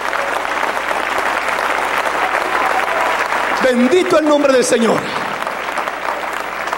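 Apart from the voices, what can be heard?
audience clapping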